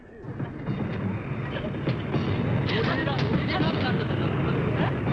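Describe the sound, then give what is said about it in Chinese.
A train rolls steadily along the rails in winter, a continuous heavy rumble with faint rhythmic clacks, heard as if from inside a carriage, with indistinct murmuring voices mixed into the noise. “接着是冬天，两个刑警压着耕作坐上火车。”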